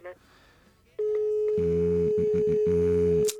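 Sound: telephone tone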